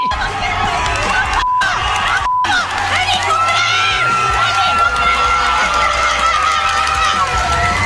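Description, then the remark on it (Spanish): A blonde woman fan celebrates a goal, shouting amid a loud stadium crowd that cheers nonstop; halfway through she blows a trompiporra horn, a long, steady blast that rises above the roar and holds to the end. “Es una güera muy guapa festejando un gol. Ahora está soplando una trompiporra, feliz.”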